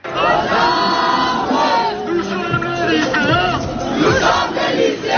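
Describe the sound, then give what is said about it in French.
A large crowd of high school students gathered at a demonstration chants slogans together in loud, rhythmic unison, voices rising and falling with shouts mixed in. “Des lycéens rassemblés, des slogans et bientôt la Marseillaise entonnée par la foule.”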